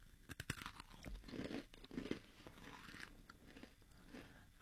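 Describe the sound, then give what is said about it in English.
A sharp bite into a crunchy cookie brittle with tiny chocolate chips and sea salt, followed by several seconds of loud, irregular crunching and chewing, with no talking. “Oh, I understand why it's called a brittle. It's a brittle because it's really crunchy.”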